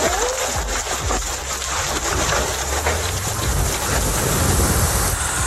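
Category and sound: nature, hailstorm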